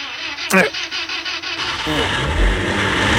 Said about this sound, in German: Kurz vor 6:30 am Mittwochmorgen, ihr wollt euer Auto starten und...